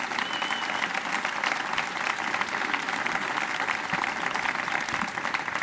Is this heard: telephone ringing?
no